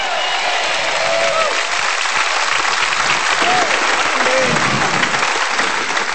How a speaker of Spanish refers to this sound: Ah, vamos, ¿hay alguien aquí que le pueda dar un aplauso a Jesús?